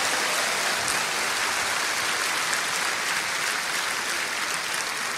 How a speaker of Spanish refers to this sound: Alabado sea el nombre de Cristo. Dale un aplauso bien grande. Él merece la gloria.